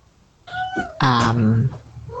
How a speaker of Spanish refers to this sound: Y ahí hay uno de mis gatitos que está... Se escucha. Sabe que me voy, entonces está vos pidiendo los últimos mimos.